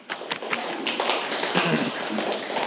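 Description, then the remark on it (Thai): A burst of classroom applause as students clap for a classmate's answer, many hands clapping in a dense, steady patter that holds at an even level for a few seconds. “ปรบมือให้กับเพื่อนเลยครับ”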